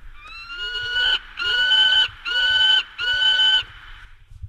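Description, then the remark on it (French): A peregrine falcon in the Haut-Doubs gives four loud, harsh, drawn-out calls in a steady series, each a strained wailing cry with short pauses between, clear with no voices. “Le faucon pèlerin est un personnage tout à fait emblématique du Haut-Doubs, le faucon pèlerin.”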